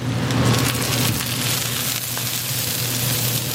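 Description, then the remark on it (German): An oyster omelette of oysters, batter, egg, vegetables and spice mix sizzles and spatters on a hot griddle at a night market stall in Taipei: a loud, steady hiss with scattered crackling pops over a low, constant hum, and no voices. “Hier, wo es so zischt und spritzt”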